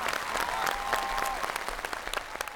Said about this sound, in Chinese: 我们这一轮的对决结束了，掌声给他们。